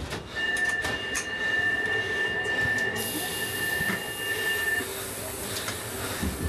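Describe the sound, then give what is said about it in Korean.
Kwangwoon University train 675 pulls away at departure time with a sustained high-pitched wheel squeal ringing over steady rumbling rail noise, fairly loud, the squeal fading out partway through while the rolling continues. “철도 광운대 675 열차 먹겠습니다. 출발 시간입니다.”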